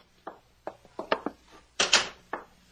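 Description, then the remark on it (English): A door being opened: a string of short, uneven clunks and rattles from the latch and handle, then a louder, broader creak-and-thud as it swings, with no voices. “Open the door.”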